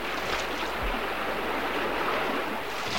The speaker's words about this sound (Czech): dnes ráno říkali u ohně, že je nebezpečné pouštět se s loďkou daleko do proudu, když velká řeka řve, jako dnes.